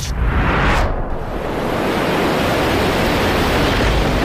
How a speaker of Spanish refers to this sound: Está lloviendo un montón y este barco no se está quieto, nos vamos a hundir.